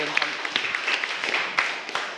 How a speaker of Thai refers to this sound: ขอเสียงปรบมือให้กับเพื่อนนะครับ